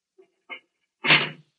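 A heavy cell door is pushed shut, with a couple of faint clicks and a brief creak leading into a loud, full-bodied thud that fades quickly. No one speaks.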